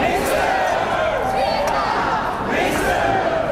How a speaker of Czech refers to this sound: Alexandra Šupeniče na oslavách na Jakubském náměstí přivítali nadšené pokřiky a potlesk.